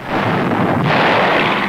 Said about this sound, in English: The Americans moved on swiftly into the Meuse-Argonne area to pound the German forces already weakened by massive casualties and lack of supplies. Now 4,000 guns blasted the enemy day and night.